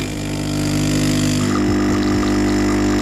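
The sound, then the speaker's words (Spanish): An espresso-style coffee machine brewing: a loud, steady droning pump hum with a buzzy harmonic tone, shifting slightly midway and picking up faint gurgling sputters toward the end. No one speaks. “Esto es café para muy cafeteros. Que por cierto, esto para la industria cafetera, igual ese sonido se puede mejorar.”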